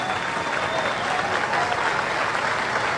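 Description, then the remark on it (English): A large baseball stadium crowd at a Georgia baseball game against Arkansas cheers and claps steadily, a dense, continuous wash of applause and roaring voices that holds at a fairly loud level throughout without dropping off. “Love the crowd getting into it.”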